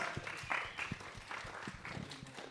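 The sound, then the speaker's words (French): A small audience claps steadily for a couple of seconds, a soft, continuous patter of many hands with no one speaking, applauding guests while they take their seats. “Et on peut d'ailleurs les applaudir le temps qu'ils s'installent.”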